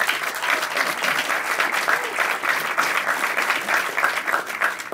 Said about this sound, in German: Sie dürfen immer, immer klatschen. Das ist ganz wichtig für uns auf der Bühne, dass wir da ein Echo bekommen, vor allem für die Kandidaten.